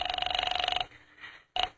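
A telephone line rings while a call is put through to the 5th Precinct Police Station, with a buzzy, steady electronic tone lasting nearly a second, pulsing rapidly, then a pause and a brief second burst of the same ring begins.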